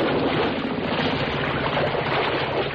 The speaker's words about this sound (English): Uh-oh. The motor's died. And the boat's drifting.